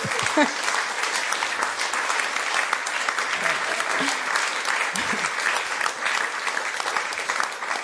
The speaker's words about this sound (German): Danke vielmals. Ein Applaus für dich.